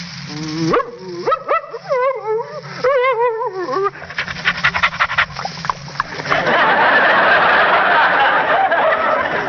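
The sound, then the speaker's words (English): A person imitates an eager, friendly dog: a string of rising whimpers and whines, followed by quick rhythmic panting and heavy, breathy huffing, fairly loud with no speech. “in a script, I may be called upon to be a friendly dog like this.”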